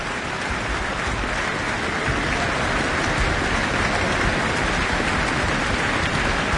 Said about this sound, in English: back on stage after that encore. For yet more applause, we might get a second.